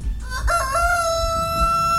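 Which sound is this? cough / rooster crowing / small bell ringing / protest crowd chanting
rooster crowing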